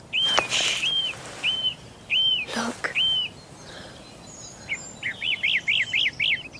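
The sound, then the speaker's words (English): Repeated bright, arching bird chirps come in short bursts, ending in a rapid run of rising-falling tweets, with a few soft flutter-like noises and a brief whispered voice. “The birds have lost their fear.”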